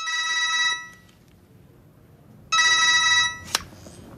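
A telephone rings twice as a man calls the number again, in bursts of bright, harmonic trilling, each lasting under a second with a pause between, followed by a short sharp click or knock.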